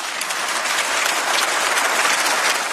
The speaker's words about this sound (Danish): Ja, hun høstede et bifald her.